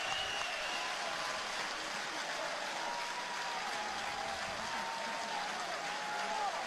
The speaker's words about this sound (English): Here comes the crowd to its feet. As they should. Get you one, Dre. They know the situation.